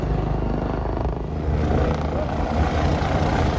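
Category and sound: vehicle, helicopter flying low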